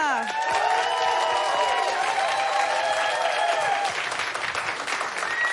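A studio audience of a German show claps steadily and loudly for several seconds to vote for a contestant in a challenge, with scattered whoops and cheers rising over the dense applause before it begins to thin out near the end.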